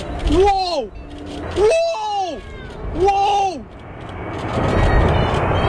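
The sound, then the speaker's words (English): Excited voices shout a few drawn-out exclamations, then a loud, broad roar of a low-flying aircraft flying over a rugby stadium in Cape Town swells up and fills the last couple of seconds. “Everyone's talking about the low flyover. Holy, they're so low.”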